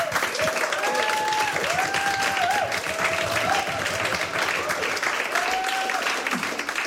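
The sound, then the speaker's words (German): Sustained applause from a sizeable audience at a live music performance, welcoming a band on stage, dense and steady throughout, with faint whistles and cheers rising above the clapping. “Aber jetzt erstmal Beifall”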